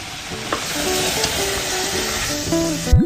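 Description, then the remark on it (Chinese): Thick syrup bubbles and sizzles steadily in a wok as it is quickly stir-fried and tossed until large bubbles form and the liquid has mostly reduced, while making honey pomelo tea. A continuous crackling wash with faint scraping, ending in a brief rising squeak. No one speaks. “速的翻炒，炒到这样冒大泡，汤汁基本收干”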